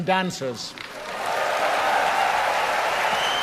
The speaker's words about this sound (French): Là, il est en ce moment en train de demander au public d'applaudir les chanteurs, les musiciens et les danseurs qui ont participé à la soirée.